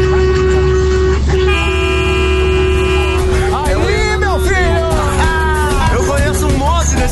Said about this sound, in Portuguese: É aqui o Brasil inteiro buzinando.